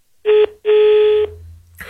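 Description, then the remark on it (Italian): Two loud, steady telephone line tones, a short beep followed by a longer one, played to show that the phone line is currently free, sounding alone with no voices, then a brief rustle at the very end. “Quindi in questo momento il telefono è libero, vi faccio sentire il tutto, quindi se mi chiamate rispondo io direttamente.”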